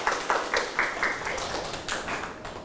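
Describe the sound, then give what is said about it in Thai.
Students in a maths class clap for themselves in a quick, steady rhythm of sharp, bright claps that run throughout without pause, fairly loud and uneven as many hands join in. “24เก่งมากครับปรบมือให้กับตัวเอง”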